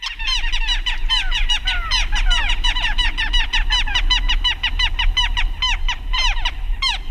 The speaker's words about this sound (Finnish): Mutta nyt tämän viikon luontoäänen pariin, tämän viikon luontoääni on Pikku Lokki ja sen meille esittelee ….